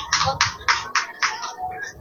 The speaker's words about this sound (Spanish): Muy bien, fuerte el aplauso por favor,